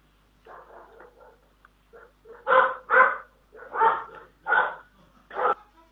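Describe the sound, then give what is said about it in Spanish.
Dogs barking in a series of sharp, loud barks, softer yips first, then about five strong barks spaced roughly half a second to a second apart. “Parece que estaba con ganas, tenemos hasta los perros, nos escuchan hoy.”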